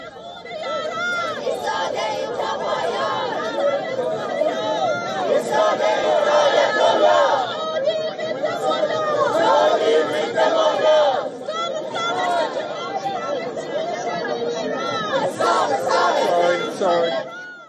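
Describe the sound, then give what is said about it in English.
A large crowd of protesters from the Persian exile community chants and shouts together outside a stadium in Los Angeles, protesting against the Iranian government ahead of Iran's match. A dense, continuous roar of many voices with rhythmic surges, loud and sustained throughout. “Ahead of the match, Iran faced with protests once again, with members of Los Angeles' large Persian exile community that gathered outside the stadium to protest against Iranian government.”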